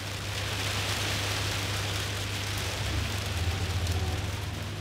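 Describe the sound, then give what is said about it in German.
Steady rain pours down in a constant, even hiss with no voices, accompanied by a low, continuous hum underneath. “Bei Hitze schleppt keiner seine Federbetten durch die Gegend. Und bei Regen erst recht nicht.”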